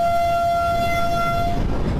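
A train of the first line of the Bogotá Metro runs past during a test run in Bogotá with a steady rumble and a sustained high-pitched tonal whine from its motors that cuts off near the end, leaving the rolling noise alone. No one speaks.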